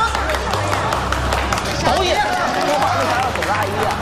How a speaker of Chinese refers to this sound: 让我们以热烈的掌声隆重的欢迎四位导演。